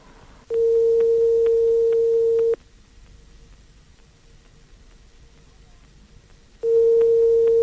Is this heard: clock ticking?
no